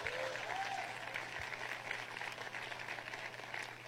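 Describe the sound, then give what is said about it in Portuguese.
An audience claps steadily for several seconds in praise of the Lord Jesus, a dense, continuous wash of applause at an even level, with a steady low hum underneath and no voices standing out. “Aleluia, pode aplaudir o Senhor Jesus.”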